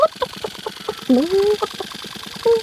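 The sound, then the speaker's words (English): A chicken clucks in a quick, steady series of short notes, broken by two longer, drawn-out squawking calls. “The chicken seems to recognize this street.”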